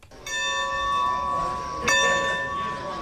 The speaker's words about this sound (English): The clanging of train station bells is a sound ingrained in Americana, serving as the musical score for when long locomotives pulled into town. But today, they herald a different kind of arrival, the resurrection of a piece of steam history.